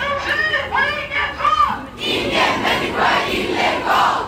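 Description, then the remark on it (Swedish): Hundreds of students gathered outside the city hall in Malmö on a Tuesday morning to support their school caretaker, who faces deportation, chant together in rhythmic, shouted unison, then break into a broad, loud wash of many overlapping voices calling out. “Hundratals elever samlades utanför stadshuset i Malmö för att stötta sin vaktmästare”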